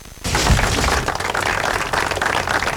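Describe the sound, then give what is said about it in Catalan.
Sustained applause from a large crowd ending the minute of silence that closed the commemoration of the ninth anniversary of the 18 August 2017 attack in Cambrils, Baix Camp; a dense steady patter of many hands clapping that starts abruptly after a brief quiet moment and continues evenly throughout. “Amb aquests aplaudiments va acabar el minut de silenci que va tancar la commemoració del 9è aniversari de l'atemptat del 18 d'agost del 2017 a Cambrils, al Baix Camp.”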